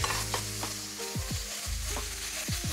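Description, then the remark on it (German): Spices, including allspice, are lightly toasted in a hot pan, sizzling steadily with a constant hiss, while a utensil stirs and scrapes, adding low groaning sweeps every half second or so. No one speaks. “dass man so Gewürze so leicht mit anröstet.”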